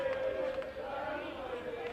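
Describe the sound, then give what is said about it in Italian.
A large crowd of Italian football fans, the Ionian side's supporters with many children among them, roars and chants together, a steady, dense wall of voices with a sustained sung tone running through it, heard from within the stands during a match. “E vediamo nuovamente l'energia della tifoseria ionica.”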